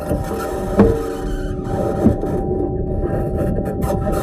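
The Perseverance rover driving on Mars, recorded during a drive: a steady mechanical whir and gritty grinding with a faint tonal hum, broken by two brief clunks, with no voices.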